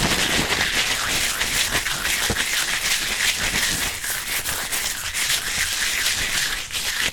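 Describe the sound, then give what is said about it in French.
Crepe paper being crumpled, a steady crackly rustling with dense little crinkles and pops that carries on for several seconds without pause. “Et si on le froisse?”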